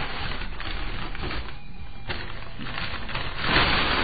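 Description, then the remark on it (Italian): Continuous dry crackling and rustling of newspaper (La Repubblica of Thursday 7 June 2001) being crumpled into balls to place between firewood for lighting a fire, with dense irregular crinkles and a slightly louder burst near the end, and no voices. “Prendo della comune carta di giornale, ad esempio questo è La Repubblica di giovedì 7 giugno 2001, e confeziono delle palle di carta che vado a posizionare tra i legni.”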